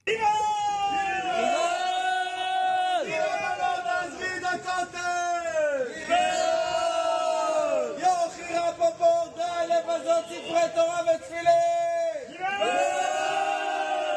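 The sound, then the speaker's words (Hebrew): Hundreds of Haredi children from the Breslov Hasidic movement chant in unison at a protest outside military Prison 10 against the arrest of Haredi deserters and the Haredi draft. Young, high-pitched voices rise and fall in sustained, repeated phrases with shouts mixed in, loud and continuous throughout. “אז אלה הקולות מול כלא 10”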